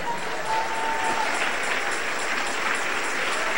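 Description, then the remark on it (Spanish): A church audience applauds the Lord steadily, a dense, continuous wash of clapping from many hands that stays loud and even throughout, with no voices standing out above it. “Denle un aplauso al Rey.”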